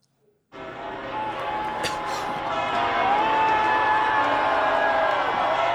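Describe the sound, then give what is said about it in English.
A large crowd in Madrid, Spain, welcoming Pope Leo on the first day of his week-long visit roars and cheers in a dense, sustained wash of voices that swells slightly louder after a few seconds, with a couple of sharp bursts near the start and faint whistles within it. “Now, Pope Leo is in Madrid, where he was welcomed by huge crowds on the first day of a week-long visit to Spain.”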